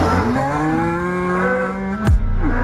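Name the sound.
cow mooing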